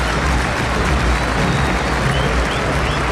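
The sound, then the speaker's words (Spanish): Steady, dense applause from a large crowd as the referee ends the first half of a football match between Argentina and Burkina Faso, a loud continuous wash of clapping with a low rumble beneath it and no clear break across the few seconds. “La tiene Burkina Faso y el árbitro marca el final de este primer tiempo. Por este aplauso.”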